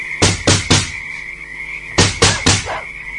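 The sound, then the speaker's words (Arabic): Two sets of three firm knocks on the door of a palace, separated by a pause of about a second, over a steady faint high-pitched hum in the background. “نطرق الباب ونرى.”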